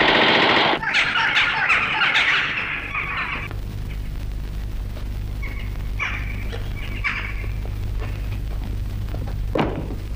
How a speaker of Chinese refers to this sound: 为什么乱放枪？ 弟兄们饿极了，用枪打乌鸦呢。